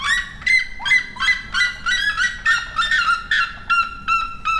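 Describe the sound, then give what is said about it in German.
A red-legged seriema, a South American bird, calling loudly in a fast series of sharp, yelping bird notes, about a dozen rhythmic bursts, with no talking. “Oder der Rotfuß-Serima, von dem hatte ich bis gerade auch noch nie gehört. Der klingt wenigstens nach Vogel.”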